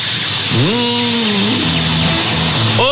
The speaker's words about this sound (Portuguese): Ó, escuta o cheiro dessa panela de pressão, ó, escuta o cheiro, ó, tá, a panela de pressão tá no fogo, ó.